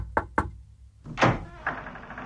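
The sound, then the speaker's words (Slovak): Two quick, sharp, distinct knocks on a door, followed by a heavier thump and a lingering scraping rumble as if the door is being opened. “ona môže každú chvíľu zaklopať na dvere.”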